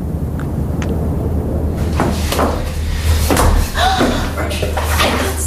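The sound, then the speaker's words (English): A door, unlocked at dusk, creaks and clatters open, then slams shut with a heavy thud, over a low steady rumble of background noise. “Unlocking a door at dusk. And leaving it ajar.”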